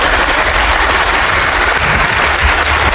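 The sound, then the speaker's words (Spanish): Steady, dense applause from a crowd in the Congress of the Republic, loud, sustained for the whole stretch without pauses or voices. “Ahí le dan su aplauso.”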